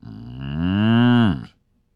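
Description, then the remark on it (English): A person imitates a cow mooing: one loud, drawn-out moo lasting about a second and a half, its pitch swelling and then sagging before it cuts off into silence. “Do the moo again.”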